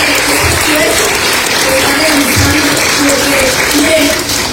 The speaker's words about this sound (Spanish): Y yo creo que un merecido reconocimiento a nuestra presidenta municipal. Hay que darle un fuerte aplauso.